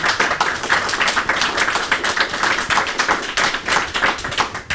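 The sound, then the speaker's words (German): Steady applause from an audience, a dense wash of many hands clapping at a fairly even loudness for several seconds with no one speaking over it. “Und vielleicht gibt es einen kleinen Applaus von unserem Publikum auch.”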